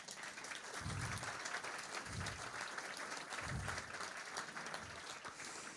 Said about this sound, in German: Und ich finde, das ist auch mal ein Applaus wert, dass er hier ist.